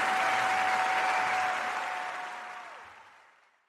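A crowd applauds in a dense, steady wash of clapping that fades out over the last second, with a thin steady whistle-like tone running beneath it until it stops.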